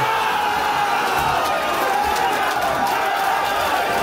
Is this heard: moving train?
no